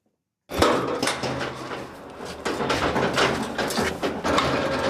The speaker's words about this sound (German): Mit dem Lastenaufzug geht es in den zweiten Stock auf die Baustelle.